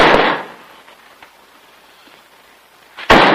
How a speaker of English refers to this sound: Jim opens it to reveal Bill dropping a nail barrel against the bare floor.